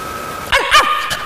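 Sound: person imitating a dog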